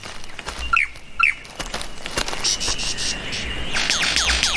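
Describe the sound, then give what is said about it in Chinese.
A lyrebird, a mimic of other sounds, gives quick, sweeping electronic zaps like sci-fi laser blasts, in a few bursts, over a steady background hum of insects. No one speaks. “它此刻的叫声听起来就像科幻电影里的激光武器。”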